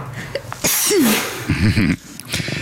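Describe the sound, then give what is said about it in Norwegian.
A stifled sneeze: a breathy burst of air with a squeaky catch, then a brief strained, wavering vocal squeal as it is held back. No talking. “Jeg kvelte nettopp et nys for å ikke vekke min bedre halvdel som hadde tatt seg en cowboystrekk.”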